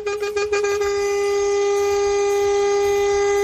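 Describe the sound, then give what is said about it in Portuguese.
A loud, sustained truck air horn blares, a steady chord of stacked harmonic tones that begins with a few rapid stuttering bursts and then holds unbroken for several seconds. “Tudo de bom, mas se tivesse cochilando depois dessa buzinada, menina, ou já foi dessa pra outra, ou acordou na hora, hein?”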